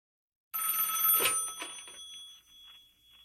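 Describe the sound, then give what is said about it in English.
A telephone bell on a radio show's request line rings with a bright, metallic jangle, starting abruptly, then its clattering tone fades and decays over the next couple of seconds before a voicemail message plays. No one speaks. “I think the phone line's showing a message. Let's have a listen.”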